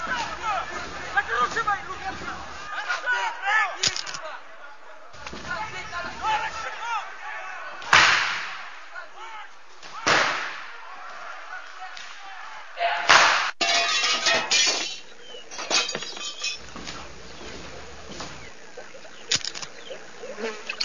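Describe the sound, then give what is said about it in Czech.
A chaotic brawl at a restaurant: heavy slams and crashing, breaking objects burst out at irregular intervals, loud, over a constant muffled din of raised voices. “jsme u restaurace, bojíme se jít dovnitř, nějaká strašná rovačka, je nás tady hrozně málo, žádám o posily.”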